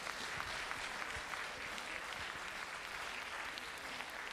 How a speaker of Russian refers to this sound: Спасибо, дорогие друзья, за ваши теплые и горячие аплодисменты.